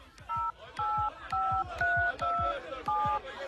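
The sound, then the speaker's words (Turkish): A telephone being dialed to call someone: six clear dual-tone keypad beeps in a steady, evenly spaced sequence, each short and fairly loud, with soft low thumps underneath. No ringing is heard. “Ay çalıyor. Ama açan yok.”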